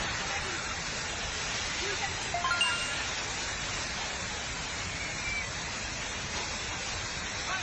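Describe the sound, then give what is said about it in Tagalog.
Rushing floodwater that has risen to the roofs of houses roars steadily, a dense, unbroken wash of turbulent water with a brief surge partway through, holding a constant loud level throughout. “Sus, ang mga balay, naabot sa atop ang tubig kasamang nistor, oh.”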